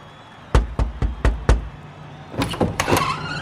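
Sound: knocking on a door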